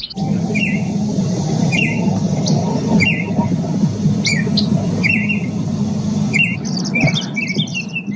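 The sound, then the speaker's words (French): Calls of several bird species found in Canada: bright, repeated chirps and short whistles at irregular intervals, over a steady low rumble like traffic. No one speaks. “Ce sont de certaines des nombreuses espèces d'oiseaux qu'on peut trouver au Canada.”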